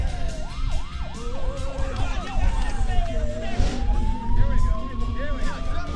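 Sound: police car siren wailing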